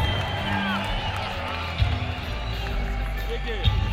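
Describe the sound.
Audience applause at a live music show blends with a steady roar of crowd noise and scattered voices, holding at an even, moderately loud level for several seconds with a couple of sharper thumps.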